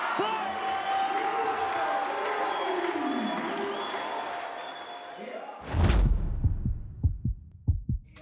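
A crowd cheers and applauds in a steady, dense roar with some whoops and whistles. It cuts off into a sudden loud burst, followed by a few low, irregular thumps.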